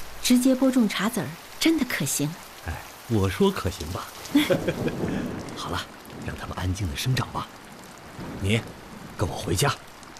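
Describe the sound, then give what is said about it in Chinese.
Steady rain hisses in the background throughout, a constant wash of noise beneath people talking in the foreground, with no clear individual drops standing out. “下雨了，大家都下班了，你怎么还不回家呀？”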